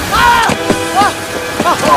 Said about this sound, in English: A waterfall cascades over the high cliff.